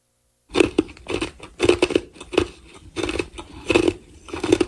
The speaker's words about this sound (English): I'm making a video of you chewing ice. Chomped ice feels so soothing. But it has to be chomped. Like you have to chew on it?